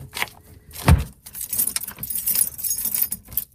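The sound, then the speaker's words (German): Metal keys jangle and clink at the locked door of the closed Kita Waldmäuse daycare centre on the Klüt in Hameln, Germany, in a bright, irregular rattle, with a heavier thud near the start, then continued scattered jingling for a few seconds with no voices. “Die Tür ist zu, die Kita Waldmäuse auf dem Klüt ist Geschichte.”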